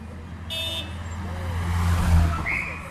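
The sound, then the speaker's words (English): A convoy of three identical black Mercedes limousines, closely following each other and carrying Chile's former ruler Augusto Pinochet around Santiago, drives past: a low engine rumble swells to a peak near the middle, then eases, with brief tonal horn-like notes over steady road noise. “Three identical black Mercedes limousines closely followed each other, carrying and concealing Chile's former tyrant, Augusto Pinochet Ugarte.”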